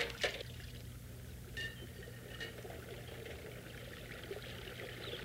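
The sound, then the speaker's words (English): Steady flowing river water rushes and gurgles continuously, with a low rumble underneath and a few brief splashy bursts near the start. “Good thing I could come to the river and get away from her.”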